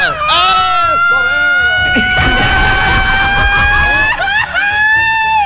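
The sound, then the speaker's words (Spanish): A loud Mexican ranchero grito, one long high-pitched yell that warbles and trills at the start, holds a sustained wavering note, then breaks into another quavering flourish near the end. “Pongámosle grito ranchero a este programa, compadre.”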